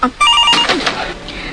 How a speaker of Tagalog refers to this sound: ang telepono. Sabdan ko.